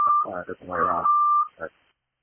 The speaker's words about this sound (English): Davenport, engine 2, you had background beep, and what was the traffic?